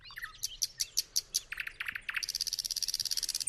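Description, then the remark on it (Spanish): Thrush nightingale (Luscinia luscinia) song: a series of loud, evenly spaced high notes, then a lower phrase, followed by a fast, rhythmic rattling trill of sharp repeated pulses, with no talking. “todavía canta uno de los pájaros más melodiosos de Europa Oriental, el ruiseñor ruso, nombre científico Luscinia luscinia”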